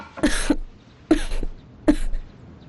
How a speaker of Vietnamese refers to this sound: Hôm qua nghe người ho rất nhiều, người đừng cố chịu đựng, vẫn nên mời tư vượt qua xem thử. Mấy ngày trôi qua mệt mỏi, dồn việc trong người, tối qua lại bị lạnh, nghỉ ngơi vài ngày là khỏe, không cần làm lớn chuyện.